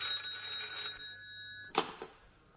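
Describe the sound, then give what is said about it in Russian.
A telephone bell rings with a bright metallic tone that hangs and fades over a second or so, then a sharp clunk and rustle, like a handset being picked up. “… у телефона.”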